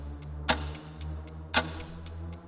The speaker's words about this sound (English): The clock is ticking. It's ticking down.